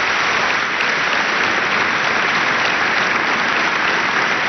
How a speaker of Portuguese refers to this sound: Aí está a resposta pública a André Ventura. tem de ser o aplauso do Congresso.